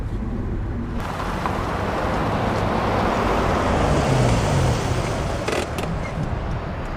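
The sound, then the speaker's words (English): A car driving, then stopping, with a steady low engine and road rumble heard from inside, holding fairly constant and easing only slightly toward the end. No one speaks. “Why do you stop the car?”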